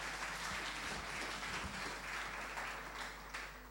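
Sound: audience applause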